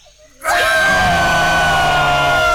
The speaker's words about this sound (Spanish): No puedo decir nada, pero acá se escuchan gritos, ¿eh? ¿En serio? ¿Están festejando algo?